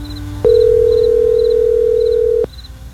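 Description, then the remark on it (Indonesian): A phone line's ringing tone during a call to someone's mother: one steady, mid-pitched electronic beep held for about two seconds, starting and stopping with a faint click, over quiet background hiss. “Telepon ibu ah.”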